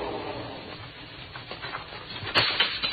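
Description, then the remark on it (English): Glass window shattering: a small glass window in an elevator door is broken with a gun butt, a sudden sharp crash near the end over a low, steady rumble, followed by a brief scatter of bright, crackling fragments. No one speaks. “Then I heard that shattering of glass.”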